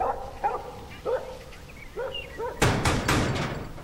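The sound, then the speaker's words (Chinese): A dog left alone at home barks: four or five short, sharp barks spaced about half a second apart, ending in a louder, harsher burst of rough noise. No one speaks. “妈的，就狗在家呀！”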